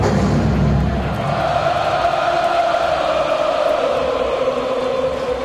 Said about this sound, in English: Crowd giving it everything they've got. Rising in support of Olson.